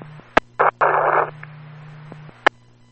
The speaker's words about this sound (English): They received static.